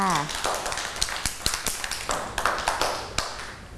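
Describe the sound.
Children clap in scattered, uneven bursts, sharp smacks falling irregularly for a few seconds with a faint bed of background voices, and a brief voice at the very start.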